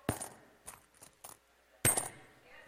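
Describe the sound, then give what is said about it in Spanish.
Coins are dropped during a church service to celebrate a birthday, clinking several times at irregular intervals in bright metallic hits, with the loudest clatter near the end and no voices. “Ahí están echando monedas, hermano, aleluya.”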